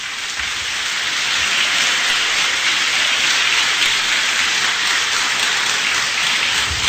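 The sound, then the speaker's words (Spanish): An audience applauds the Lord in a dense, steady wash of clapping that holds at an even loudness for about seven seconds, with no voices over it. “Desde esa noche, aplauda al Señor.”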